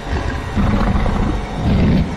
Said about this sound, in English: We just heard this extremely deep growl come from inside.